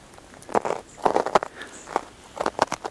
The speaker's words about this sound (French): Et j'aime ce son de neige tôlé, verglacé.